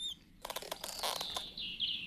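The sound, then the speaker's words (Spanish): High, thin squeaks like mice, a quick cluster of short chirpy bursts followed by a drawn-out whistling squeak, all fairly faint with no talking. “Shh, amigos, escucho un rechinido. Yo no escuché nada. ¡Oh, sí! Ahora sí lo oigo. ¡Parecen ratones!”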